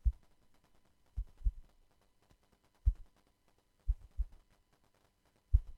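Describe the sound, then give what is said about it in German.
Soft, low thumps from a taut microfiber cloth being plucked come in irregular pairs and singles, each a short muffled throb, much like a heartbeat, with quiet gaps between. “Ja, also ich habe hier mein Mikrofasertuch genommen und quasi so auf Spannung gezupft.”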